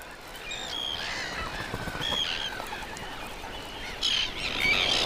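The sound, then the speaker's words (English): Puffin calls overlap in a busy colony chorus, with several harsh, nasal cries rising and falling at moderate volume against a steady windy background hiss. The calling grows denser toward the end. “These birds are masters of the sea, but clumsy on land.”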